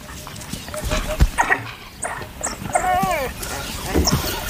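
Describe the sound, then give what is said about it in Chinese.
An African wild dog on patrol, having found a leopard that has just caught prey, gives a series of high, wavering, bird-like calls and whimpers to summon other wild dogs for help, some rising and falling in pitch, over a steady background rumble. “一只非洲野犬在巡逻途中发现了一只刚刚捕获猎物的花豹， 他正在召唤其他非洲野犬来帮忙”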